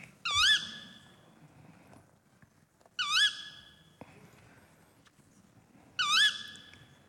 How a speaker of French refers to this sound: Hulotte. Ouais, c'est la hulotte.